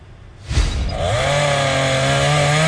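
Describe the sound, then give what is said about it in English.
A chainsaw revs up with a loud burst, then settles into a steady, high-pitched whine as it cuts fallen trees in an Anne Arundel County community after a severe storm on Saturday evening, running continuously with no voices. “It's a sound this Anne Arundel County community will likely be hearing for the coming days following a vicious storm that rolled through Saturday evening.”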